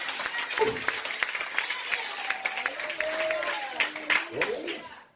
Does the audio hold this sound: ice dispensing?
no